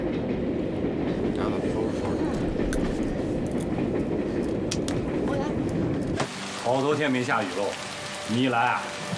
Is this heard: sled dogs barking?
no